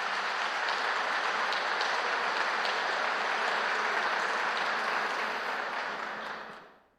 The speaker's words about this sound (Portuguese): Padre Reginaldo, Deus seja louvado por sua vida, seu testemunho, seus 90 anos de vida. Vamos aplaudir o Padre Reginaldo.